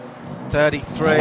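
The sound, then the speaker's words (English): The number 33 Hyundai race car's engine roars to life and it pulls away from the pit, a loud buzzing whine with rising pitch over steady background rumble, while a voice talks underneath. “The 33 rolls off and away first, and it's about 7.5 seconds or so, and the number 5 stalls it.”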